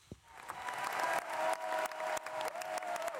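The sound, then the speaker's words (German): An opera audience at the Bregenz Festival premiere of Janáček's opera The Excursions of Mr. Brouček in the Festspielhaus applauds steadily, a dense wash of clapping that swells and stays loud, with a few sharper claps and faint whoops of cheering rising through it. “Publikum glücklich und jubelnd, Künstler strahlend.”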